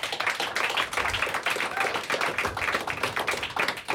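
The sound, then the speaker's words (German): An audience in a hall claps steadily for a few seconds for the studio camera operators, a dense, crackling wash of many hands with a fairly even level and no voices standing out. “Dieses Mal lasse ich es durchgehen, aber für alle anderen klatschen wir am Schluss, sonst machen die Hände das irgendwann nicht mehr mit.”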